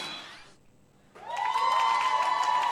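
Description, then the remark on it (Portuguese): An audience breaks into loud, sustained applause after a brief lull, the clapping swelling quickly and holding steady, with a faint tonal ring running beneath it. “Muita uma então, salva de palmas.”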